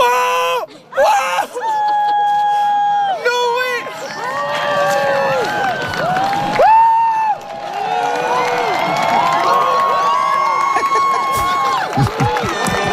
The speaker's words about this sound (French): Oui, on s'en souvient de ses cris de joie, de ses applaudissements. Ça, c'était chez nous, le 8 avril 2024, dans le sud du Québec, des citoyens qui étaient rassemblés au Mont Mégantic pour l'éclipse.